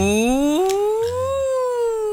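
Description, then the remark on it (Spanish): During a vocalization exercise, a single voice imitates an ambulance siren, holding one continuous loud tone that glides steadily upward in pitch, then levels off and bends slightly, with no other sound around it. “Como una ambulancia.”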